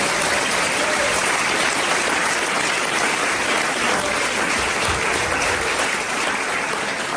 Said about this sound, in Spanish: ¿Está bien, verdad? Denle un aplauso al Señor para creerlo.